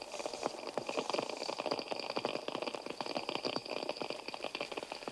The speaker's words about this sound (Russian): Американские креветки. Они щелкают клешнями, создавая фон, заглушающий почти все другие звуки подводного мира.